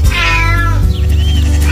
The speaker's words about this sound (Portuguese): O gato miou.